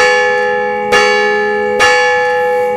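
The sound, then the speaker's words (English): A large bell in a great big tower in a town tolls twice in slow succession in the morning, each strike ringing out loud and full with a long, humming sustain that carries straight into the next. “And every morning, the bell would ring.”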